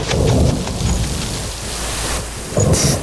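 Steady rain hisses while low rumbles of thunder roll underneath, swelling loudest at the start and again near the end, with no voices present.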